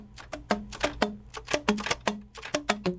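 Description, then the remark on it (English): Fingers tap the little buttons or keys of a gold-coloured instrument held in two hands, in a quick, uneven run of popping clicks, each with a short hollow pitched pop, fairly loud with no talking. “And as he does this, it makes a funny kind of sound. It almost sounds like popping or jumping.”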